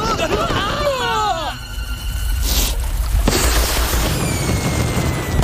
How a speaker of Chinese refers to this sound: 快看，烟花开始了。